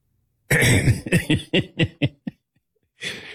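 Someone loudly clears their throat, a harsh opening rasp followed by a quick run of six or seven shorter, fading hacks, then a brief pause and one more gravelly rasp.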